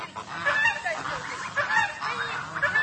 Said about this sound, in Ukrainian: А це волонтерські гуси. Їх жартома називають загін Байрактар. Вигодовують тварин громадою.